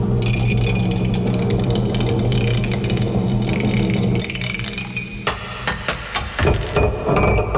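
A mug clinks and clatters as it is nearly dropped: a quick burst of sharp, hard knocks and rattles following several seconds of a steady, humming background.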